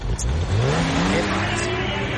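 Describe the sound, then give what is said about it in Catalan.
A Guardia Civil police car engine revs and rises in pitch as the vehicle passes by, a loud steady roar with climbing tones over a couple of seconds. “Això no és un tractor, eh? No. Més guàrdies civils,”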